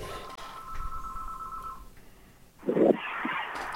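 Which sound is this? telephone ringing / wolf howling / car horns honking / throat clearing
telephone ringing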